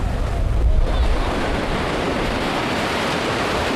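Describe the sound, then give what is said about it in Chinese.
Ocean waves wash against the shore at Xisha Bay in Chongwu, China, below the seaside Liberation Army Temple, in a steady, broad roar of surf, swelling slightly near the start before settling into a constant hiss, with no voices. “解放军庙，背山面海，辽阔的大海映衬着庙宇的庄严肃穆，日夜不息的涛声寄托着人们的思念。”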